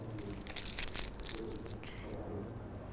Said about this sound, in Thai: ขยำกระดาษให้เป็นนี่ขยำแบบนี้เลยเป็นเล็กๆแบบนี้แล้วก็ติดลงไปที่ใบส้มกดลงไปเล็กน้อย